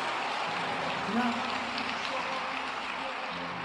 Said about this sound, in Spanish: Y Dale más aplausos al Rey. Amén.